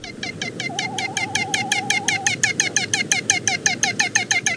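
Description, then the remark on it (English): A great frigatebird, a seabird, gives its mating song: a rapid, steady train of rattling, warbling pulses with a wavering tone partway through, fairly loud, with no one speaking. “We've got the song of this storied seabird today, which it uses almost exclusively for mating, thanks to the Makaule Library at the Cornell Lab of Ornithology.”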